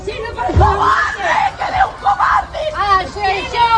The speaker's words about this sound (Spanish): Esto que escuchas es lo que gritaban decenas de vecinos que se congregaban a su llegada, por un lado para mostrar su rabia, como escuchábamos, con gritos de asesinos, asesinos, y por otro para acompañar a la familia